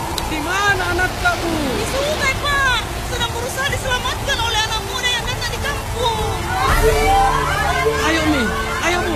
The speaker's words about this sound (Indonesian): Biasanya jika hujan deras seperti ini akan terjadi banjir, Bu.